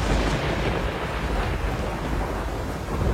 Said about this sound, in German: Nun war er wirklich da, der Sturm. Und es schien, als würde er das ganze Schloss mit sich reißen.